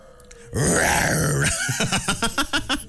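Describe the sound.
A person imitates a tiger's roar with a loud, drawn-out, gravelly growl that swells and falls, then breaks into a run of short, pulsing vocal bursts.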